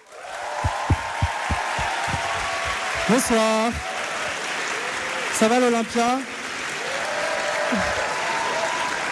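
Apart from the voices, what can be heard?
audience applause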